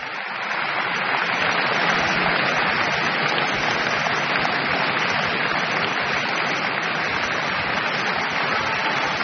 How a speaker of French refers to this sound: Brahms explose le cadre de la forme bien connue, de la forme sonate, dans ces quatre mouvements de cette sonate en fa dièse mineur, opus 2, joué par Beatrice Arana, copieusement applaudi.